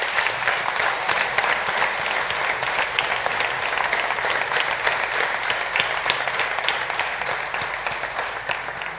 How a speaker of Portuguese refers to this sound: E portanto, para eles, a nossa gratidão com uma grande salva de palmas.